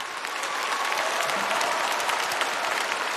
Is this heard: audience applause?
yes